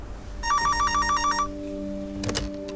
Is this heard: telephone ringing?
yes